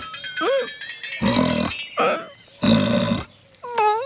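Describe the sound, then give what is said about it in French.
A big pig that has smelled carrots gives two thick, snorting grunts, each lasting about half a second, while cowbells clank and ring steadily in the background. “Toudou, regarde le gros cochon. Il a dû sentir l'odeur de la carotte.”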